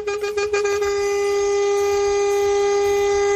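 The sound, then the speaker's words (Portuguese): A loud truck horn gives a quick series of short honks, then holds one long, steady, blaring blast at a constant pitch, with no voices. “Tudo de bom, mas se tivesse cochilando depois dessa buzinada, menina, ou já foi dessa pra outra, ou acordou na hora, hein?”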